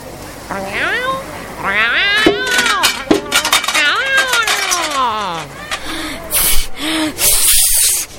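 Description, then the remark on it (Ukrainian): A cat meows repeatedly in rising and falling cries as it climbs onto a metal trash bin, with sharp metallic clinks and clatters, ending in a brief hissing spray. “Ось кіт на бак для сміття виліз.”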